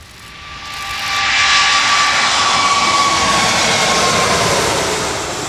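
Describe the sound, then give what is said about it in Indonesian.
The engines of an arriving Emirates Airbus A380 jet roar loudly and steadily, a broad rushing wash topped with a thin high whine, swelling up over the first second and holding for the rest, with no voices. “Meski berlangsung singkat, kedatangan pesawat A380 milik Emirates menjadi momen langka bagi dunia pecinta penerbangan.”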